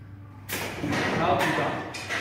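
A tranquilizer dart is fired at an animal with a sharp, breathy whoosh, followed by a few similar rushing bursts in quick succession, fairly loud over a low background rumble; the dart misses the animal.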